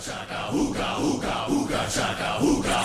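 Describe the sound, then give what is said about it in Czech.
A loud, rhythmic group chant of "ooga chaka" from a pop song remix played on the radio station Kiss, male voices repeating the syllables roughly twice a second over a steady, dense musical backing. “Mám Huga Chaka Huga Huga. Huga Chaka Huga Huga.”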